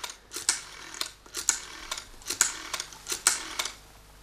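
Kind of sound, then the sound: household object, dialing a telephone number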